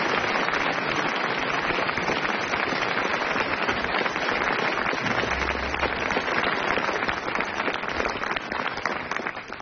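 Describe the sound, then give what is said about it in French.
An audience applauds writer Hervé Le Tellier steadily for close to ten seconds, a dense crackling wash of many hands clapping at once, staying loud throughout and easing off only slightly at the very end. “Il a été très brillant, Hervé Le Tellier, l'applaudit.”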